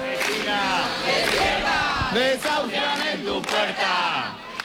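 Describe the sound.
A crowd of protesters shouts and chants together in loud, rhythmic bursts at the door of an apartment building in central Madrid, Spain, where an 87-year-old woman is being evicted that morning. The overlapping yells are sustained throughout, with brief dips between phrases.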